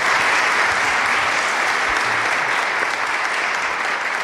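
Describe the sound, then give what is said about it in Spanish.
The audience in Orihuela claps steadily and loudly throughout at the start of the Ser Historia programme, a dense, sustained wash of many hands applauding with no voices standing out. “Como siempre, soy Nacho Ares, les doy de nuevo la bienvenida a Ser Historia y me gustaría escuchar ese aplauso caluroso de la gente de Orihuela a este inicio de Ser Historia.”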